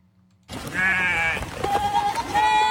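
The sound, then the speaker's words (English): Several goats in California, part of Green Goat Landscapers' herd of about 1,000 goats used to clear fire fuel, bleat loudly, their wavering cries overlapping in a noisy chorus that starts abruptly after a brief silence and continues without pause. “Much more than just a farm animal, in California, goats have become a firefighter's best friend.”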